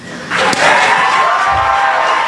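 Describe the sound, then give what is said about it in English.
A crowd of employees and listeners bursts into a standing ovation honoring late WIBC traffic reporter Matt Baer: loud, sustained applause and cheering, a dense steady roar that kicks in suddenly, with one sharp thump early on. “On the count of three, I want everybody to stand up and be as loud as you can, and let's give Matt Baer a standing ovation.”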